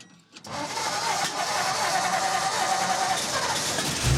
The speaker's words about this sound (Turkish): Kamyonetler çalışıyor.